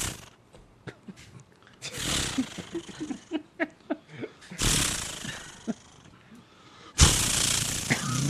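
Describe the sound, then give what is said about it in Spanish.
A voice imitates a chainsaw being started: short sputtering pulses between three loud, raspy, roaring bursts, the last one rising sharply and holding to the end. “No, eso es una motosierra. Que hay que prenderla.”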